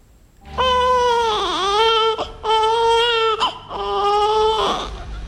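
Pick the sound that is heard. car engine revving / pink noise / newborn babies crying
newborn babies crying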